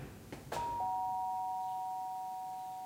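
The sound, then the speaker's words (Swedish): A couple of quick clicks, then a two-note doorbell chime at a caretaker's door: a higher tone followed by a slightly lower one, both ringing on steadily and fading slowly. No one speaks. “Elsa och Kalle ringer på hos vaktmästaren Alfons.”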